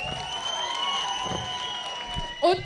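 A concert audience in Eisenach applauds itself, the applause rolling on steadily at a moderate level beneath a sustained electronic hum, with a short shout cutting in near the end.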